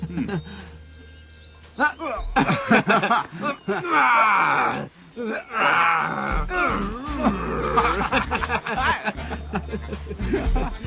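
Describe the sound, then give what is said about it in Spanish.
Two bears play-fighting, with loud, rough growls and snarls erupting in repeated bursts after a quiet start, some deep and groaning, others harsher and higher-pitched, over a steady low rumble. “La lucha del oso es divertida.”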